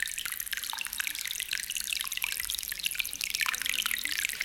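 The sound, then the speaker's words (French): A waterfall sends up a steady, hissing rush of flowing water that continues without pause, soft, with faint trickling detail in the wash. It is heard from a village when the south wind blows. “Alors, si on entend la cascade, on sait que c'est le vent du midi.”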